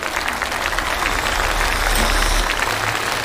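Sustained audience applause on a competition show welcoming the contestant ranked ninth, a dense steady wash of clapping from many hands that holds at an even, fairly loud level throughout, with a faint low hum underneath and no voices.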